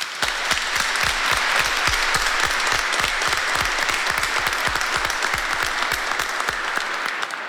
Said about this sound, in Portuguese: a comunidade dá uma salva de palmas.